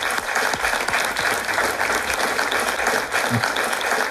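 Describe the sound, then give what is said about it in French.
Steady applause from an audience in Dour fills the whole stretch, a dense, continuous patter of many hands clapping at once, loud, with no one speaking over it. “Je pense en tout cas que tout ça s'applaudit.”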